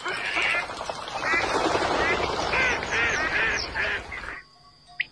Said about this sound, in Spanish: Los patos en las lagunas de la Mancha Húmeda.